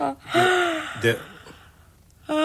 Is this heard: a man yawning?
yes